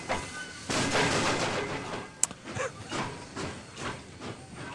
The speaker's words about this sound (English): this is an audio fidelity record. Sounds of a Vanishing Era, Steam and Diesel. I think I'm on the Steam side.